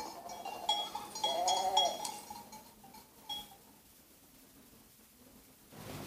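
A single sheep bleats once, a wavering, nasal cry lasting about a second, followed by quiet background hiss with a few faint noises and no talking.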